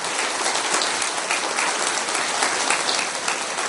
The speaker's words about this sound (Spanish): ¡Aplauso para el Señor! ¡A Él la gloria!